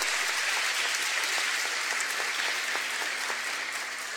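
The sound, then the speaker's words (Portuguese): A crowd applauds steadily for the altar servers on the eighth night of a novena to Our Lady of La Salette, a dense wash of many hands clapping at once, sustained and fairly loud for several seconds before easing slightly toward the end. “Merece uma salva de palmas bonita, forte também.”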